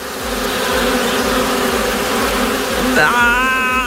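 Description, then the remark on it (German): A wasp buzzes steadily in summer, its droning hum continuous throughout, rising in pitch near the end as it seems to speed up. “Dieses Wespensummen gehört ja jetzt im Sommer leider auch dazu.”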